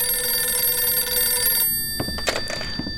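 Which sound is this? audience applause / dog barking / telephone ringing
telephone ringing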